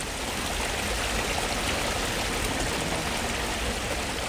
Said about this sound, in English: It's amazing the impact that the water, the gentle flow of a stream, and water at all, actually, in a garden can have,